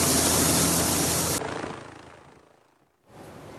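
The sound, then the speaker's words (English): An army helicopter taking supplies to remote mountain villages in Nepal roars loudly overhead with a steady rotor thrum, then abruptly drops away and fades to near silence before its droning noise returns at a lower level. “army helicopters were taking supplies to remote mountain villages.”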